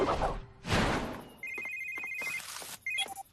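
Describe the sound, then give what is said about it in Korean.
A telephone rings with a bright, steady electronic trill that repeats in short bursts, fairly loud, after a couple of whooshing noises at the start. “잘 지내면 전화 했겠니?”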